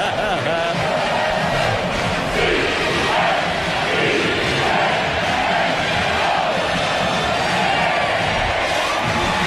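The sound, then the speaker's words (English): A large stadium crowd boos as the Georgia Southern team takes the field for a game against Clemson, a dense, continuous roar of many voices that holds steady and loud for the whole stretch without any break or lull. “And here comes Georgia Southern on the field, greeted by friendly boos.”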